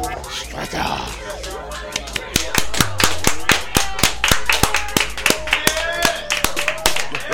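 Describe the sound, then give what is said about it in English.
Loud hand clapping right into the microphone: a quick, uneven run of sharp, punchy claps begins a couple of seconds in, with some voices faintly audible underneath. “You got to avoid clapping right into the mic.”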